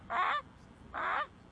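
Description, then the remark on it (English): A boy imitates a Canada goose call, giving two loud, nasal honks separated by a short pause, with no other talking. “The Canada Goose.”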